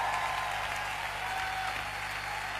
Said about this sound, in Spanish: aplauso con todas sus fuerzas a él.